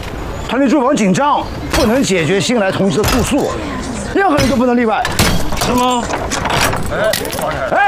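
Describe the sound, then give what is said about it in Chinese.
A door lock being smashed open, with several sharp metallic clanks and crashes at uneven intervals, loud, mixed in with excited overlapping voices talking throughout. “哎，我看见了啊，你砸的”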